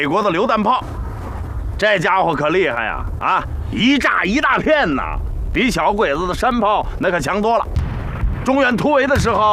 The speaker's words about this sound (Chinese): 这是美国的榴弹炮，这家伙可厉害呀！啊，一炸一大片呐，比小鬼子的山炮那可强多了。